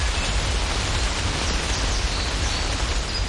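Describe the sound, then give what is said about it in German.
Steady, even rain in Potsdam on a Sunday hisses without pause, a dense wash of noise across the whole range with a soft low rumble underneath and no voices. “Regen, Regen, Regen, auch in den letzten Tagen immer wieder.”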